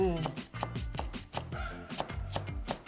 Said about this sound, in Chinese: 那我们就是要把高丽菜切丝。